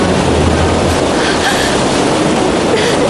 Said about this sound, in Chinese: 是洞内瀑布。